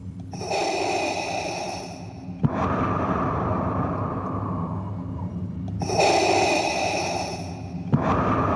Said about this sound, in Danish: Og så kan jeg huske en ting som barn, at første gang man stifter bekendtskab med Darth Vader, som jo har den her karakteristiske sorte maske på, og den der tunge vejrtrækning.